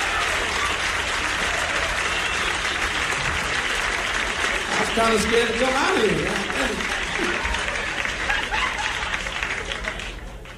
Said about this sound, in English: Let's get together and give Mr. … and the band a big round of applause. Huh? Along with Mr. …, huh?